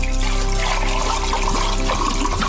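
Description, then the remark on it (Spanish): Water trickles and splashes steadily for a couple of seconds, a continuous liquid flow with a faint low hum underneath and no voices, in a radio advert for Agua Nevada and Monsalus natural mineral water from Sierra Nevada. “Agua mineral natural, no las pidas, exígelas.”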